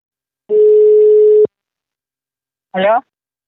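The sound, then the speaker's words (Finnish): A single steady telephone line tone hums for about a second as a phone call is placed to a campaign director, then cuts off abruptly; after a short silence, a brief voice answers over the line. “Mutta seuraavaksi otamme puhelin yhteyden häneen.”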